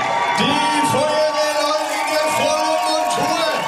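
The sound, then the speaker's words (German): A large crowd at the finish line of a run through the streets of Mainz cheers and whoops loudly and continuously as two firefighters arrive after about 3 hours, many overlapping voices shouting together in a dense, excited roar that never lets up. “Und ihr Lieben, einen riesengroßen Applaus, da kommen sie!”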